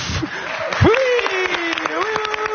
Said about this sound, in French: Et encore des applaudissements pour celui qui vient nous rejoindre en studio. Vous ne rêvez pas, cher public, c'est bien lui.